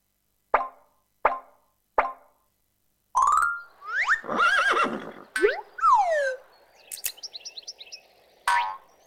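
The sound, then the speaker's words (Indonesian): Three quick plopping taps are followed by a loud horse whinny that rises, warbles and trails off in shaky descending squeals, with a short final snort-like burst. “D. Kuda. D. Kuda.”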